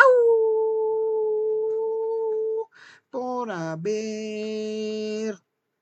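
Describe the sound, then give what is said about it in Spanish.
A person imitates a wolf, letting out two long, steady howls, loud; the second one swoops downward before settling into a sustained tone, with a brief pause between them. “dije, pues vamos a aullar.”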